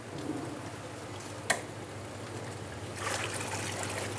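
Water is tipped slowly into a tank in an aquarium's quarantine rooms as Otto is moved in, a steady, hissing trickle over a low hum, a single sharp splash midway, then a louder, fuller rush of pouring toward the end.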